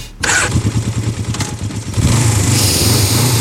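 A motorcycle engine fires up and idles in a rapid, pulsing rumble, then revs louder and higher with a rising roar that holds steady to the end.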